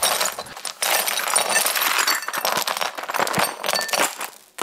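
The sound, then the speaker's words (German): Broken glass shards clink and scrape continuously as they are swept up with a dustpan, a bright jangling with irregular bursts and brief pauses, no voices. “Aber irgendwie mag ich das Geräusch auch. Wie die Scherben so klimpern.”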